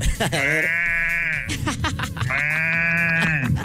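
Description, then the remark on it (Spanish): A person's voice imitates a cow with two long, wavering calls in quick succession, coming out loud with a thin, bleating quality more like a sheep than a moo. “Esto es una cosa inútil que sé hacer y me queda, creo que bien, imitar una vaca.”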